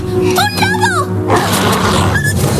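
A wolf lets out a short, wavering howl that rises and falls for about a second over a steady low drone, followed by a rush of noisy background sound.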